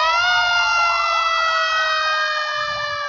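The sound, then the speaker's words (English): A city fire alarm siren blares loudly and continuously, its pitch wavering up and down in a rippling wail over a low rumble, with no voices. “But while she and the neighbor were talking, the city fire alarm sounded.”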